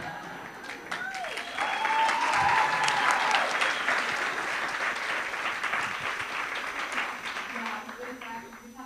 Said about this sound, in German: Und vielen Dank für den tollen Applaus. Richtig gute Energy hier, oder? Yes. Habt ihr immer so ein krasses Publikum? Wow, okay.